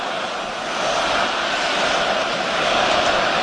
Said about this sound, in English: You hear the echo of the great fans here in Montreal at the Bell Center.